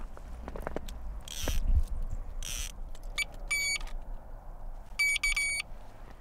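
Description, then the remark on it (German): An ice fishing bite alarm, which sounds when a fish bites and pulls hard on the line, beeps in two short bursts of rapid electronic pulses after a few scraping, rustling sounds against a quiet outdoor background. No one speaks. “Sobald ein Fisch anbeißt und dadurch fest an der Schnur zieht, dröhnt ein Alarm.”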